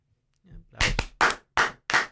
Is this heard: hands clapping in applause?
yes